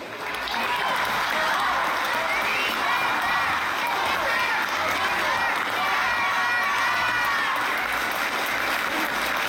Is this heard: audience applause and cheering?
yes